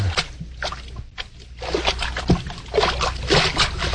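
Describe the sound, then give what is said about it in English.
Water sloshes and splashes irregularly as feet wade through ankle-deep water inside a cavern off a mine shaft, a continuous churning with occasional louder swishes and drips, no voices present. “Hey, we're in water over our ankles.”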